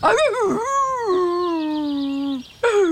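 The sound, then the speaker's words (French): A young wolf whimpers, a few quick wavering yelps giving way to one long, drawn-out whine that slowly sinks in pitch, then a fresh cry breaks in at the end. “Attachant, hein, ce jeune loup.”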